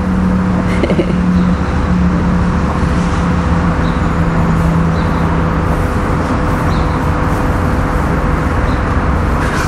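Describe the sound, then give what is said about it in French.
Loud, continuous highway traffic roaring beneath a motorway footbridge about ten metres high, a dense steady rush of vehicles with low engine hums and faint tonal drones running throughout, no voices. “C'est un spot quand même particulier avec cette passerelle d'autoroute qui est à une dizaine de mètres de haut.”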